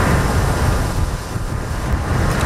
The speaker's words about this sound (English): Huge waves thrown up by the outer bands of Typhoon Bavi pound Taiwan's northeast coast. The storm is about 1,000 kilometers wide. Forecasters warn it could bring winds reaching 200 kilometers an hour and over 1,000 millimeters of rain.